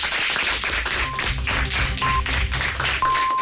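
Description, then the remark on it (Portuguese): Sustained studio applause from a crowd closing a radio programme before the 1:00 p.m. news, dense and steady throughout, with a brief high electronic beep sounding at about one-second intervals over the clapping, the final tone held longer. “Igual que empezasteis con un aplauso, vamos a cerrar con un aplauso para recibir las noticias de la 1:00 p.m.”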